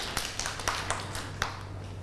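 Scattered, uneven claps from a small group of children, a handful of sharp slaps over a low steady hum, fairly quiet and with no talking.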